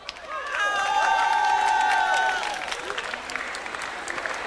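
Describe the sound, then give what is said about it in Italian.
An audience at a festival supporting a radio station bursts into loud, sustained applause for the volunteers, mixed with cheers and whistles, swelling for a couple of seconds before thinning into scattered clapping. “E quindi un grande applauso va a loro.”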